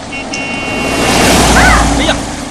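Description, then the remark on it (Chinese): A car speeds through standing rainwater inside a residential compound in the rain, splashing a child's clothes, its hissing splash swelling to a loud peak midway and then trailing off, with a few faint high chirps near the end. “哎呀，小心点儿，孩子衣服都溅湿了，在小区里开那么快干嘛呀？”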